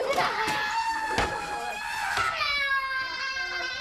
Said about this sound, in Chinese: 大吼大叫的，你冷静。